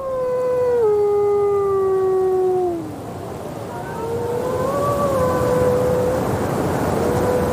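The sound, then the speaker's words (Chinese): A wolf pack howls in cold winter weather, several wolves in long, sliding tones, one voice dropping low before others rise and hold higher notes, overlapping over a steady rushing wind-like background. “这样的天气更方便狼群远距离交流。”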